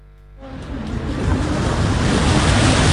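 Surf rolls steadily onto the shoreline of Pantai Tirang beach in Semarang, a broad continuous wash of breaking water that swells in after a quieter, tonal opening and stays loud, with some wind rumble, no voices.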